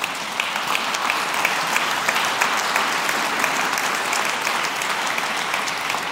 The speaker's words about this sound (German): Die dürfen klatschen.